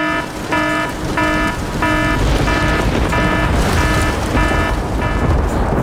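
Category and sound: sound effect, rain alarm sound effect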